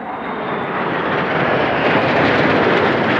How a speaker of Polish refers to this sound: Gdańsk, Warszawa, Dęblin, Kraków. Widowiskowym przelotem nad krajem samoloty F-35 przywitały się z polskim niebem.